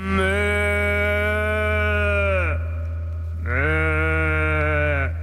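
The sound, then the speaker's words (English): Two long, drawn-out imitation cow moos made by a person, loud, each a steady droning call that sags in pitch at the end, separated by a short pause over a constant low hum; a mystery-vocalist recording played in a listener game on the radio show Weekend Mornings. “Okay, three dogs and a fake cow.”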